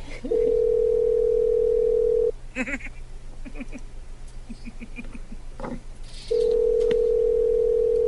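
A steady telephone dial tone hums for a couple of seconds, breaks into a series of short dialing beeps and clicks, then the continuous dial tone returns, clear.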